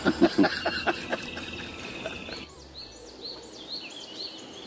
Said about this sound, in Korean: 날도 좋고 새소리도 좋은 평화로운 오후.